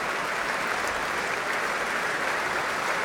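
Steady, dense applause from a large concert audience in Amsterdam for conductor Fabio Luisi and the orchestra's musicians, a continuous wash of many hands clapping at even loudness throughout, with no voices standing out.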